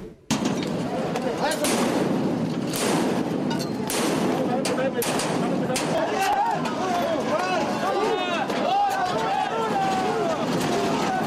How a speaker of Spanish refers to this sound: Estalló la violencia en el corazón de la Ciudad de México. Maestros de la CENTE y policías capitalinos se enfrentaron a petardos en la avenida 20 de Noviembre.